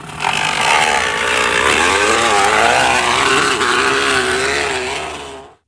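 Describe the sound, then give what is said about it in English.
A crushed can or water bottle put by a kid in the back tire of a bike rattles rapidly against the tire, making a loud, continuous motorbike-like buzz that rises and falls in pitch as the wheel speeds up and slows. “It's actually a kid who's put a crunched up can or water bottle in the back tire.”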